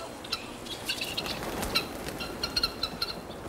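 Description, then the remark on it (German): Guinea fowl in a large poultry yard, seven of them counted, call in a scattered series of sharp, high-pitched chirps over a steady background hiss, with a brief burst of rustling, flapping noise partway through. Fairly quiet, no one speaking. “Hier vorne stehen schon gleich die Perlhühner.”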